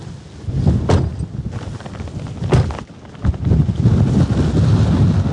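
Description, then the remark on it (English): Strong wind buffets the microphone in loud, rumbling gusts on one of the high points of a farm, with brief sharp bursts of crackle as the air hits it, steady throughout with no voices. “I'm just going to shield you so the wind is coming that way.”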